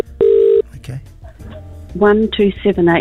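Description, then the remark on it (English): A short, steady electronic telephone tone from a phone call to a person in Albany sounds loudly for under half a second, followed by quieter murmurs and then a voice speaking in bursts. “people will pick the phone up and I'll have a chat to them.”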